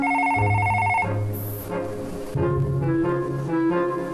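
telephone ringing

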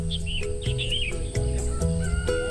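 birds chirping and singing

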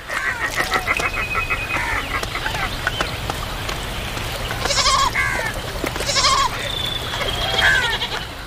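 wild goats bleating

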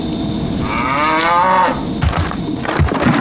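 dairy cows mooing

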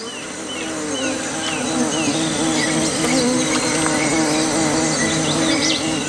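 bees buzzing

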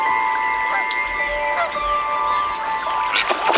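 geese and goslings honking

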